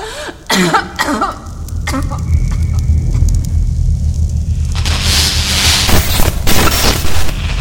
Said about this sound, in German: Über mir zucken Blitze. Schwer, violett, wie bei einem Sommergewitter, und es wird unglaublich heiß. Ich drücke mich flach auf den Boden und spüre die Hitze an meiner Wange.